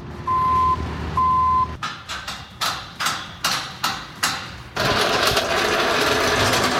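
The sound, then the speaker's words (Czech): A construction site at the Vesec festival grounds in Liberec: two steady reversing beeps from heavy machinery, then a run of rhythmic metallic clanks like hammering, giving way to a loud continuous engine rumble. No one speaks. “Libereckým areálem Vesec zní zvuky stavby.”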